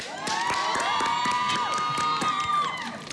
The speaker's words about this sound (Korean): 와, 정말 활동 중에도 바쁘셨을 텐데 또 새벽까지 이렇게 열심히 준비해 주셔가지고 너무너무 감사합니다. 여러분 박수 한번 주세요!